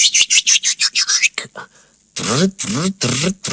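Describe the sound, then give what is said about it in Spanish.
A voice imitates a seagull approaching quickly: a rapid run of short, breathy chirps, then three loud, drawn-out squawks with falling pitch, clear. “Y una gaviota espía aparece acercándose rápidamente hacia ellos.”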